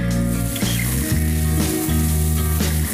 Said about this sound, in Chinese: 盛夏，人群中最热的当属烧烤，炭火上的肉串滋滋作响，食客们也在一烤一撸的豪爽中享受着美食独有的治愈力。